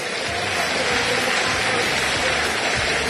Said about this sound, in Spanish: Se retira Boca, se retira Central Córdoba. Los aplausos en la Bombonera para el Xeneiz.